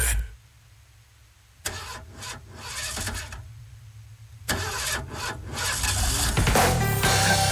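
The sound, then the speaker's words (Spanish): A car engine cranks in several grinding, whirring bursts, pausing between attempts, before catching and settling into a loud, steady idle rumble. No one speaks. “Pero ahí está jalando el carro, oiga.”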